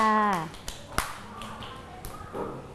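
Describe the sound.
A voice speaks briefly, then a few sparse, sharp claps ring out irregularly, scattered handclaps from children in a class clapping for a classmate at the teacher's request, rather than a full round of applause, with soft background chatter.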